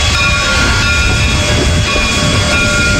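A train rolls steadily along the rails, a loud, continuous low rumble with faint metallic whining tones holding throughout, unbroken, with no voices.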